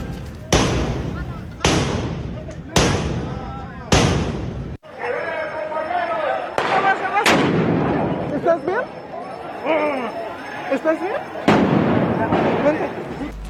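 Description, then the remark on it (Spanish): Loud firecracker and rocket blasts go off in a quick series of four, then a few more scattered bangs over a continuous noisy crowd of shouting voices, at a street protest where marchers faced police at metal barriers at the intersection of 20 de Noviembre and Venustiano Carranza, with rockets and firecrackers launched from both sides of the barriers. “La protesta subió de tono cuando un grupo de sujetos se dejó ver con tubos, palos y mazos mientras se registraba el lanzamiento de cohetones, petardos, polvo de extintores y objetos desde ambos lados de las vallas.”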